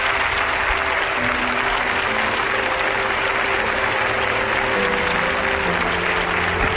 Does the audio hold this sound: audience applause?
yes